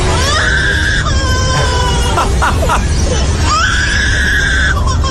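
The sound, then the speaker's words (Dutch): A lyrebird mimics human voices: two drawn-out, shrill, scream-like wails with a quick burst of choppy, babbling calls between them, fairly loud over a steady background hiss. “Dat is een vogel die imiteert weer mensen.”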